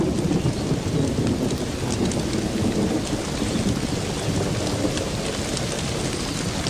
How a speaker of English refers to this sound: The downpour does little damage to the earthen mounds. The bee saliva is waterproof, and the nest below ground will stay dry.